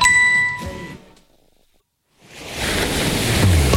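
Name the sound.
sea waves ambience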